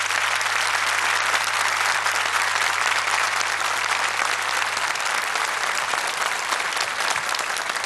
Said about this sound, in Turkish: Orkestradaki arkadaşlarımı şöyle bir kocaman alkışlayabilir misiniz?